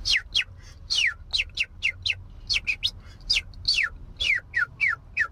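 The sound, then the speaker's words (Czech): A man whistles a rapid series of bright, descending chirps imitating birdsong, repeating in quick bursts for several seconds with no talking. “tak ptáčky na zahradě nemám žádný a bylo mi líto, že žádný neslyším, tak jsem se naučil pískat jako ptáčci, abych tam měl veselejš.”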